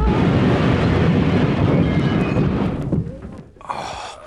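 A car crash as a fast-approaching car collides: a loud, dense roar of crunching, grinding noise lasting about three seconds, then abruptly dropping away, followed by a brief quieter rattle. No one speaks.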